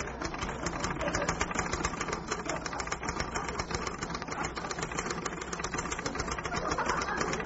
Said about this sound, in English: What was all that typing about? I like a lot of punctuation.